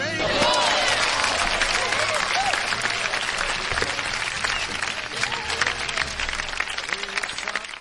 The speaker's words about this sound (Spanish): Un aplauso, por favor.